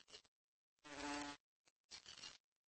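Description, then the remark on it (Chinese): A flower fly buzzes in three short bursts, a droning hum that rises and cuts off, with the longest pass in the middle and brief silences between, as insect larvae posing as flowers react to its buzzing. “对花蝇的嗡嗡声做出了反应。”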